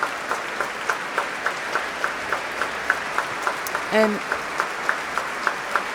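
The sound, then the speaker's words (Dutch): Sustained applause from a large audience in the Grote Zaal of the Concertgebouw in Amsterdam, for Nathalie Stoetsman's debut as conductor with the Concertgebouw Orchestra; a dense steady wash of clapping throughout, with a brief spoken word cutting in partway through. “Groot applaus hier in Amsterdam, in de grote zaal van het Concertgebouw.”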